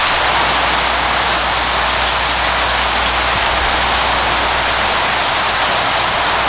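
A heavy downpour outside a ranch hisses steadily and loudly throughout, dense rain pattering on surfaces with no pauses and no voices.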